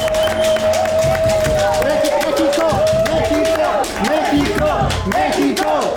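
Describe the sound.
Loud, steady applause from a crowd, with dense clapping throughout, mixed with cheering, overlapping voices and a sustained whistle-like tone, applauding Mexico's national football team for its World Cup campaign.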